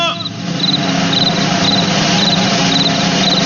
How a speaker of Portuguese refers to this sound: O bicho de hoje é o grilo. É o bicho de hoje.